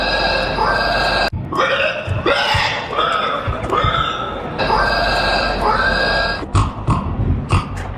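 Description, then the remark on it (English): A voice imitates a pig with loud, drawn-out squeals and grunts, the pitch sliding upward in repeated bursts with only brief pauses between them, at a pig squealing competition, an annual festival in a French village. “It's actually a pig squealing competition.”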